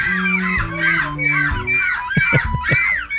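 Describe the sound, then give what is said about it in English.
A person competing in the European Seagull Screeching Championship in Belgium imitates a seagull, letting out a rapid series of five or so shrill, wavering, loud screeches, with low rumbling and thumping noises underneath. “These are humans who are impersonating seagulls in the Seagull Screeching Championship.”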